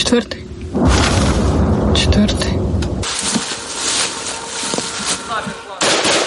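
KAB guided aerial bombs explode on impact: a loud, deep blast rolls into a couple of seconds of heavy rumble, then a hissing, rumbling tail and a second sharp burst at the end.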